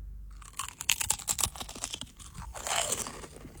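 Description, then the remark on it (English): A loud crunch as someone bites into a crisp salt and vinegar potato chip, followed by a rapid series of crackling chews over a few seconds, with no talking. “I'm gonna bite the chip. Bite into the chip.”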